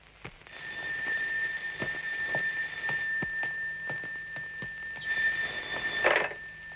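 A telephone rings with a bright, bell-like electronic trill, sounding in two sustained bursts separated by a short pause, fairly loud, with faint clicks and rustling underneath.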